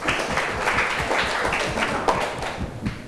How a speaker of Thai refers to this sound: ปรบมือให้เพื่อนกลุ่มหนึ่งค่ะ